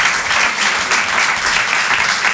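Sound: audience applause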